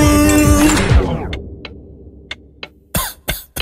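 A door swings open with a drawn-out creak that slides downward in pitch, followed by a few faint clicks and two short, breathy bursts of noise near the end.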